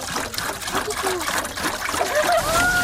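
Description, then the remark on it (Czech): Water pours steadily into a watering can, refilling it to douse burning charcoal being made into biochar, a continuous splashing trickle with rising gurgling tones as the container fills. “Tak, doplníme vodu do konve.”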